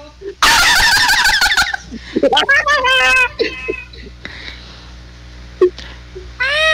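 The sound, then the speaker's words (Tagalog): A cat meows loudly, a long drawn-out cry followed by several shorter, warbling meows, with a person talking in between and another meow at the end. “Hoy! Itong miming na yan, ha? Yan ba yung humingi sa bubong ko?”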